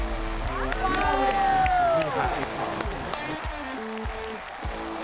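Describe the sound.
An audience applauds steadily with dense clapping and some cheering voices, loudest in the first two seconds and then continuing at a slightly lower level until the end.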